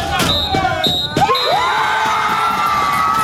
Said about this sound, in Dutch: Het laatste fluitsignaal klinkt en Fortis is kampioen in de hoofdklasse.